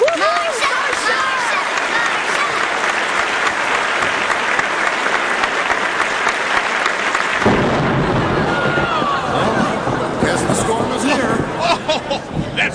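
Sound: thunderstorm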